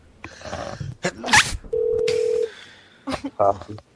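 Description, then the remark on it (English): A single steady telephone ringback tone hums for under a second on an outgoing call to a man in Canada, fairly loud, with brief bursts of voices and breathy noises before and after it. “man, answer your phone.”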